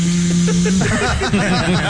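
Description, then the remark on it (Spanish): A voice imitates a blender: a steady droning hum that breaks into a rough, churning, gargling whir, loud and continuous for about two seconds. “¿Aprenderá Polilla a diferenciar el sonido que produce una aspiradora que es... al de una licuadora que es...”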